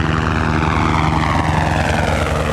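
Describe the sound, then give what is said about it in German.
A low-flying firefighting helicopter roars overhead during early-morning forest-fire training for Bern fire brigades on a steep slope in Valais, its loud rotor chop pulsing steadily beneath a dense engine drone with no voices. “Der Helikopter donnert gerade über Eischiköpfe.”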